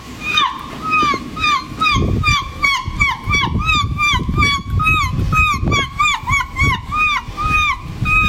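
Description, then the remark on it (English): A woman who won a seagull impersonation championship at a festival in Somerset imitates seagull calls in a rapid series of high, wailing cries with rising and falling pitch, fairly loud, over a churning, sloshing watery background. “If you'd have said, here's some seagulls, I'd be like, yeah, that's seagulls.”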